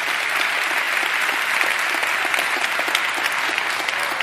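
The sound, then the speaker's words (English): A church audience claps their hands in praise to the Lord, a sustained burst of applause, dense and steady, lasting several seconds with no speech over it. “If you believe that, give the Lord a hand clap of praise.”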